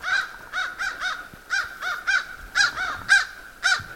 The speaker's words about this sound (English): Crows are very interesting. They belong to that group, Corvidae, which includes the blue jay, the gray jay, the crow, and the raven. Bright, interesting birds. Oh, they're coming this way.